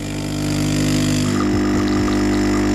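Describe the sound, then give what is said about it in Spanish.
A coffee machine brews a coffee with a steady, loud mechanical hum and buzzing pump drone, with a few gurgling, sputtering bursts toward the end; no one speaks. “Que por cierto, esto para la industria cafetera, igual ese sonido se puede mejorar.”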